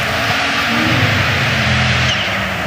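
A Toyota rally car engine drones steadily, its harmonic tones shifting and rising slightly as it approaches from behind a few bumps. The engine is loud and sustained, with a broad, dense background rumble.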